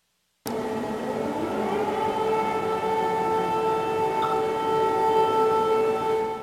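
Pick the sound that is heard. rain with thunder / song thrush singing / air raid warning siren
air raid warning siren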